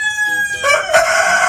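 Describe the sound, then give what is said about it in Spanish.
A rooster crows loudly, a bright harmonic cock-a-doodle-doo with a rising, strained ending, filling the short moment on its own without any talking; the rooster is competing in a Sunday crowing contest in the Belgian town of Berlo. “Sí, hombre, estos son gallos.”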